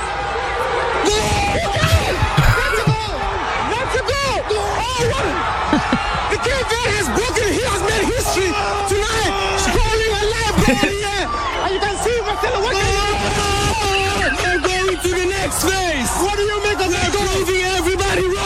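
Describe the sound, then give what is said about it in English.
A reporter with a big hairy microphone yells "goal" excitedly and at length, celebrating Cabo Verde's equaliser against Uruguay, over the loud, dense roar and chatter of a stadium crowd, his voice strained throughout. “He's screaming, and your man's got one of those big hairy microphones you see BBC reporters with, and he's grabbing the thing, he's going, goal! Screaming.”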